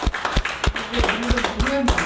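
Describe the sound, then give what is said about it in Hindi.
Scattered hand claps welcoming an Anganwadi worker, from a group of nursing mothers, pregnant women, adolescent girls and children, sharp and uneven, roughly three per second, not building into full applause, with a voice murmuring faintly underneath. “तो आंगनबाड़ी कार्यकर्ता के लिए सभी जो हमारा धात्री महिलाएं गर्भवती महिलाएं और किशोरियां बच्चे आए सभी और एक बार पुनः स्वागत करें, इतना जोर से काम ताली बजाओ।”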